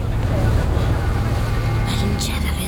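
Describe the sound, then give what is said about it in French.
A boat motoring at sea fairly far from the coast: a steady, droning engine rumble with a constant wash of water and wind, plus brief splashing bursts near the end. “Viens à l'arrière du bateau. On est assez loin de la côte.”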